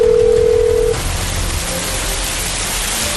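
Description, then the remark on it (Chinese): A steady telephone tone from a mobile phone calling the 120 emergency number hums for about a second, then cuts off, leaving a constant hiss of heavy rain at a street accident scene. No one speaks. “女人的意识有些模糊，轻轻抬手指了指自己的口袋，朱伟峰掏出他的手机联系了他的家属，又马上拨打了120。”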